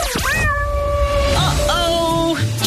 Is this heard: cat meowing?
yes